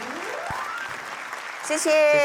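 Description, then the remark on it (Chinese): An audience applauds with a dense, steady clatter of clapping, and a voice begins speaking loudly over it near the end. “谢谢大家满满的掌声啊！”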